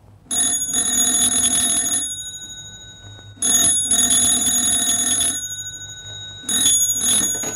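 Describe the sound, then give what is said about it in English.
A telephone rings one evening in a small bachelor girl flat, three times, with loud, bright, metallic bell trills in bursts of about two seconds separated by short pauses, the last ring cut off. No one speaks. “I was sitting up reading in my little bachelor girl flatette when the phone rang.”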